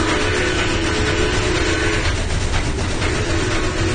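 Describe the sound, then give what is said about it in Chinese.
A train from Hangzhou to Shanghai rumbles steadily along the tracks, a dense continuous roar with faint rhythmic clatter of wheels, fairly loud, with no voices. “当段仲宇乘火车返回上海的时候”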